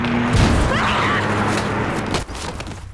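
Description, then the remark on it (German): A car engine roars, then a heavy thudding crash as the car runs over a man, followed by a dense wash of rumbling noise that cuts off abruptly near the end. “Und dann kam ein Auto und hat ihn umgefahren.”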